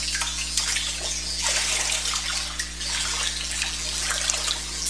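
Water sloshes and splashes continuously as a person wades into baptismal water for a baptism, with bursts of brighter splashing over a steady low hum and no voices.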